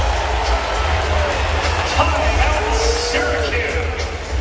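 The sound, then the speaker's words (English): A basketball arena crowd of UConn Huskies fans roars in a steady, loud wash of cheering for several seconds during a timeout, with faint whistles and shouts rising now and then above the din, as UConn leads Syracuse 57-40 with about 8 minutes to play in an exhibition game. “And listen to this UConn crowd.”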